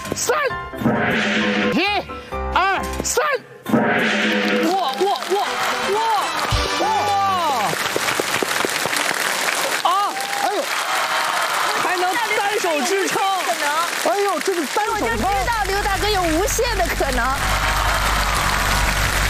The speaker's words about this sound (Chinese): 掌声响起来。